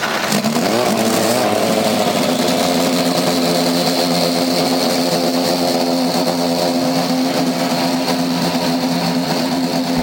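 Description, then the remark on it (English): Indy NXT race car engines fire up and rev together on the start command at the Firestone Grand Prix of Monterey Race 2 in Monterey, a loud steady roar with rising harmonic whine early on, multiple engines idling and revving without any talk. “Gentlemen, start your engines!”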